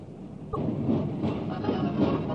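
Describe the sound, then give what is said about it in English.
A high-speed monorail train at Disneyland, running on Goodyear tires, rumbles past, a sudden clack giving way to a steady, loud, whooshing roar of wheels and motor that holds for a couple of seconds. “In this area are the popular Autopia cars and the high-speed monorail trains.”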